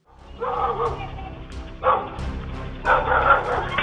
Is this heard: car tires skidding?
no